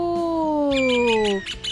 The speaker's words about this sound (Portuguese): Didi, hoje eu vou precisar de passarinho, porque eu não ouvi o enigma. Opa, então voem passarinhos, até aí a Lu.